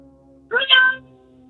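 A single meow from a real cat, about half a second long, rising then falling in pitch, heard over a telephone call from a caller working in his truck, with a thin, muffled tone and a steady low hum before and after.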